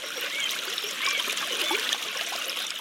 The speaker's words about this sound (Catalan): Una font és una sortida natural d'aigua subterrània. Es tracta, per tant, d'una zona de descàrrega d'un aqüífer.